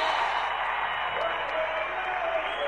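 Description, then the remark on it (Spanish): An audience applauds as the creator of a song is invited up, in a steady, dense wash of clapping that holds at an even level throughout, with faint crowd voices mixed in underneath. “¡Un aplauso grande!”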